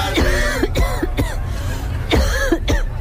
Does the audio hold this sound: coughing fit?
yes